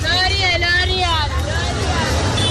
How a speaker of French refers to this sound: Au bord de la voie, parmi les passants, les motos et les bus qui déversent continuellement des clients, deux jeunes vendeurs de bagues tentent d'attirer l'attention des acheteurs.